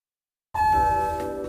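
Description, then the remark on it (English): The arrival chime of the newly repaired elevator at Radio 1190 rings out after a moment of silence, a single bright bell-like tone that strikes sharply and keeps sustaining with shimmering overtones, fairly loud, with no voices. “I see you've decided to take our newly repaired elevator.”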